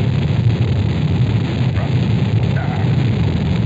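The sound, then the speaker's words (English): The five engines of a Saturn V rocket roar at liftoff, building up to 7.7 million pounds of thrust as it lifts off the tower: a steady, dense, rumbling roar heavy in the low end, loud and unbroken throughout, with no voices over it. “The Saturn V lifting off the tower.”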